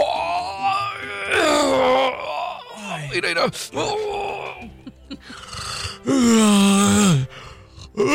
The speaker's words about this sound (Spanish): Oh, manches, qué rico te estiraste. Ay, güey, mira, me tronó toda la espalda, güey. Qué a gusto. Ay, gracias, muchachos, gracias, lo necesita. Perdón si lo hice bostezar de repente.